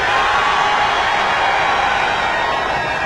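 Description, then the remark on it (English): A large crowd in Winnipeg screams and cheers in one continuous, loud roar, a dense wash of voices that holds steady for about three seconds without breaking. “Your screams are music to our ears.”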